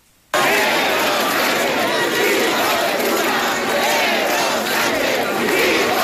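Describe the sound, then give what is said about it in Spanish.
A large protest crowd at a Partido Popular and Vox rally at María Pita in A Coruña, Galicia, shouts slogans loudly and continuously, including insults to the Spanish prime minister and "Sánchez a prisión", many voices chanting and yelling together in a dense, unbroken roar after a brief silent start. “Concentraciones como la de María Pita en A Coruña, en la que se han escuchado insultos al presidente del gobierno y gritos de Sánchez a prisión.”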